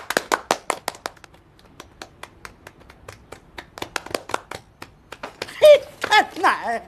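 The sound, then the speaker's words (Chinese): Sparse, uneven clapping from a small group at the opening of the founding meeting of a public order maintenance association, called for by the speaker, sharp individual claps scattered for several seconds and thinning out, before someone starts talking over the last few claps. “哎，咱们龙了个龙了，快有个快鼓掌。”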